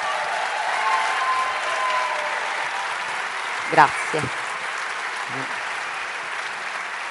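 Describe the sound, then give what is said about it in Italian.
An audience applauds steadily for Pirondini, Ricciardi and Tridi, dense even clapping that holds for about seven seconds, with a couple of brief voice-like calls or cheers rising over it midway. “Mi sembra già abbastanza forte, ma facciamolo a tutti e tre, Pirondini, Ricciardi, Tridi, con un bel applauso.”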